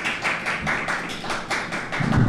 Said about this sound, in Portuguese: Senador Camilo, espero que Vossa Excelência esteja a ouvir aplausos ao seu relatório. Estão alguns presentes aqui a aplaudi-lo.